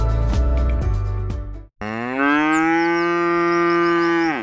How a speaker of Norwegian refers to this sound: Det der var lyden av en ku på utmarksbeite.